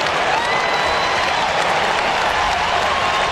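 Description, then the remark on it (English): A large stadium crowd at a Hawthorn football game roars and applauds continuously as a young Hawthorn player lines up a kick about 48 metres out. A dense, steady wash of cheering and clapping fills the whole stretch at high volume. “It's day, and the crowd are out of their seats with their enthusiasm for the young Hawk who, with the man on the mark about 48 metres out, goes back to line them up and to just provide Hawthorn with unbounded joy in this game.”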